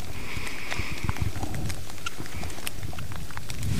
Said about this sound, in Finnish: Sade tuossa hieman ehkä otti vähän vauhtia lisää niin sanotusti, eli kovempi sade alkoi, mutta vieläkin aika maltillista. Kyllä. Tasaista sadetta tänne on nyt sen tunti ennen kilpailua suurin piirtein alkoi sade